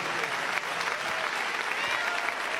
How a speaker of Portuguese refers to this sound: Pode louvar a Deus com as palmas, meus irmãos.